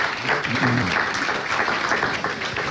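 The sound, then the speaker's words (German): A crowd at an evening event applauds the evening's moderator steadily, a dense wash of many hands clapping at an even loudness for the whole stretch, with a faint voice briefly audible underneath. “Deswegen mal großen Applaus, dass du heute den Abend hier überhaupt moderierst.”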